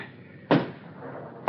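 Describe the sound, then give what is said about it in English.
Someone knocks twice on the door of a room, about a second apart. Each is a loud, sharp thud that rings out briefly before fading. No voices are heard. “Someone knocking.”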